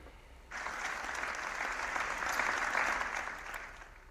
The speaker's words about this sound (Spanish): El minuto de silencio ha finalizado con un sentido aplauso.